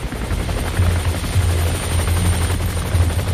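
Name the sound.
helicopter flying overhead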